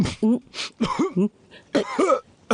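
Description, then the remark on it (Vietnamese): A man who feels feverish and unwell coughs several times in quick succession, harsh, throaty bursts with a raspy, voiced edge, fairly loud, with brief pauses between fits. “Ý tôi, chúng ta hỏi anh ấy mới bắt đầu ho.”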